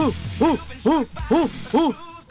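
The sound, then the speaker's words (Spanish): A person imitates an orangutan call with four loud hooting cries, each rising and falling in pitch, spaced evenly about half a second apart. “El orangután hace.”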